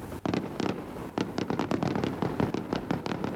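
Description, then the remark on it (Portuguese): Fireworks over the Bay of Angra in Angra do Heroísmo, Azores, marking the start of 10 June after a music show, bursting in a rapid, irregular volley of sharp bangs and crackles, one pop after another with barely a pause, loud and steady throughout, with no voices heard. “Fogo de artifício para assinalar a entrada no 10 de junho.”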